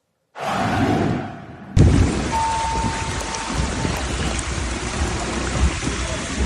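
Heavy, roaring torrential rain in London, above and below ground, with a dense wash of water pouring and splashing, loud and continuous, swelling suddenly a couple of seconds in and staying steady to the end.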